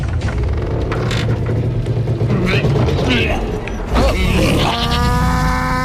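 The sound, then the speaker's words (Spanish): The heavy wooden hatch of an ark creaks shut amid a dense, rumbling clatter, ending in a long, steady, tonal groan of straining timber as the ark lifts off the ground, floats and rocks. “Niña, cierra la compuerta. El arca se separa del suelo, flota, se balancea”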